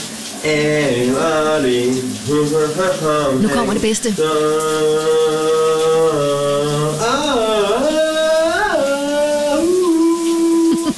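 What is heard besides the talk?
shower running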